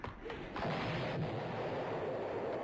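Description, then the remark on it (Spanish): A cannon shot booms out, followed by a sustained, noisy roar and rumble that fills the rest of the moment, loud, with no voices. “¡Van a lanzarlo por cañonazo!”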